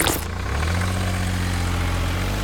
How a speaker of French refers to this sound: Ce camion benne, il récolte les déchets, les écrase pour qu'ils ne prennent pas trop de place et ensuite, il peut les décharger. En gros, c'est une poubelle avec des roues qui mange des poubelles.